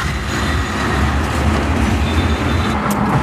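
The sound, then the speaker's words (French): Dense road traffic with scooters on a main road during traffic jams, as everyone heads home by scooter: a steady loud wash of engine rumble and road noise that holds evenly throughout, with no voices and no pauses. “Et maintenant, tout le monde rentre en scooter parce que fait que des embouteillages.”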